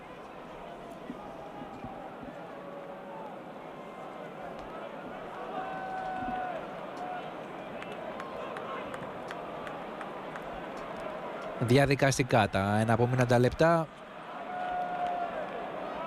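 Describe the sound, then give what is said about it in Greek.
A stadium crowd at a football match roars steadily beneath a man's commentary, then swells into a loud, pitched surge of shouting for about two seconds, calling for another goal, before settling back into a constant din. “Φωνάζει ο κόσμος, θέλει κάτι ακόμα από τις δύο ομάδες, ένα ακόμα γκολ, το κερασάκι στην”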